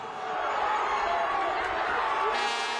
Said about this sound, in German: Aber in der zweiten Halbzeit, nach dem Tor für St. Pauli, immer wieder Tore für Wolfsburg. Dementsprechend immer wieder Jubel und immer wieder Ekstase.